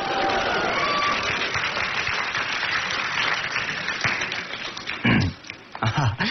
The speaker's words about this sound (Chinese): 感谢朋友们热情的掌声。 你看这掌声多热情啊！